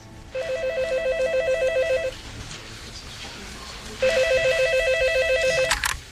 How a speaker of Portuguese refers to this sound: Logo no dia seguinte, meu telefone tocou.